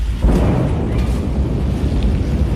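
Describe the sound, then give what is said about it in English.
A deep, rumbling blast from the explosion of the 320-foot-tall New Glenn rocket during an engine test at night, a sustained low roar that swells at the start and keeps thundering steadily for several seconds, with no voices. The sound took nearly a minute to reach the camera. “Other views of the explosion show the blast turning night into day, sending a massive shockwave rippling through the air.”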